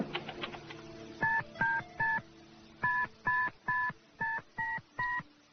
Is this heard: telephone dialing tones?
yes